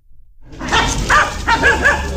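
A dog barks and yips several times in quick succession, loud, at the Nossebro market, over a busy outdoor background murmur after a brief quiet start.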